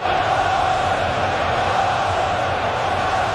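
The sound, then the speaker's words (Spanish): A dense, steady roar of Belgian fans shouting together at a match in a stadium in Seattle, Washington, loud and unbroken for the whole few seconds, with no single voice standing out from the mass of sound. “Podrían gritar en francés también.”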